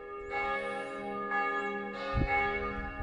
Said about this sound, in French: Là-bas, à Saint-Hilaire, toutes les cloches à pleine volée annoncent la fête de Pâques.